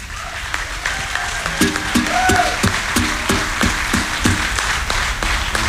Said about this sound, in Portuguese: Mas antes disso, queria que vocês aplaudissem estes excelentes músicos que também fazem o favor de ser meus amigos.